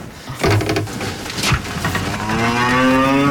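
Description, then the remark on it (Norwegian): Cows moo loudly as they are let out to summer pasture on a farm in Sørdalen, Bardu, one long drawn-out low call swelling toward the end, with other animal noise and scuffling around it. “Det kuslipp på gården I Sørdalen.”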